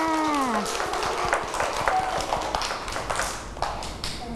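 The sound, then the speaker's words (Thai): Children clap for themselves in a loose, uneven patter of many quick claps that fills the whole stretch, after singing a song about tidying up toys with their teacher, with a brief voice heard at the very start. “เก่งมากค่ะเด็กๆปรบมือให้ตัวเองด้วยค่ะ”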